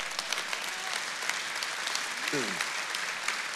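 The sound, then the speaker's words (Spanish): A crowd applauds steadily, a dense, continuous patter of many hands clapping at an even loudness throughout, with a brief voice-like sliding tone breaking through midway. “Wow, yo quiero que eso sea un aplauso más fuerte.”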